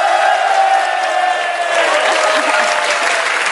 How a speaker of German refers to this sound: Das ist dein Applaus